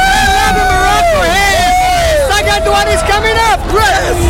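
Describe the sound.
A loud crowd of Brazilian and Moroccan football fans celebrating goals in a Morocco–Brazil match, with wavering, sustained chants and whoops rising and falling in pitch over a dense, continuous roar of voices.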